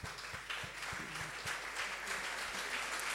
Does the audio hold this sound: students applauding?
yes